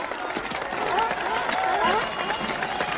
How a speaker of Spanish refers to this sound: Demos un gran aplauso